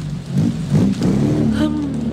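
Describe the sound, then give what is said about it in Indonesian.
An angkot minibus engine revs up in the rain and pulls away, full of passengers, its low rumbling growl rising in pitch as it accelerates and drives off. “Aduh, Neng, udah penuh. Tunggu next angkot aja, weh.”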